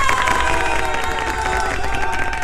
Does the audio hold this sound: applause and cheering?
yes